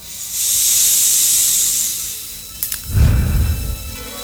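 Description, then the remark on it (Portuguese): A full deep breath during a prayer with the sign of the cross: a long, steady airy hiss of a deep inhale, a brief pause with faint clicks, then a breathy exhale with low, rumbling gusts of air. No one speaks. “Mas eu quero que você faça toda a respiração completa. Inspirar e expirar.”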